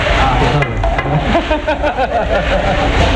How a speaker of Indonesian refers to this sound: harus dua orang. Satu orang untuk menggoreng kerupuk di tahap pertama, satu orang lagi menggoreng di tahap kedua sampai kerupuk mengembang.